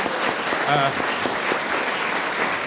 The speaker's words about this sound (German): Danke für den Applaus. Sie wollten ihn doch spenden.